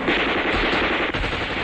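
Loud, sustained machine gun fire rattles without pause, a dense wall of rapid, harsh shots filling the whole moment, with no voices. A regiment fires from a ridge at enemy troops crowded on a pontoon bridge over the Wu River.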